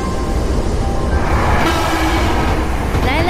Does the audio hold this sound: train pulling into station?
yes